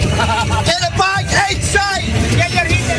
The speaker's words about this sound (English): Beers flow, the chants are constant, flags wave out the windows as we drive up Interstate 95. Midway to Gillette Stadium in Foxborough, temporarily renamed Boston Stadium for the event.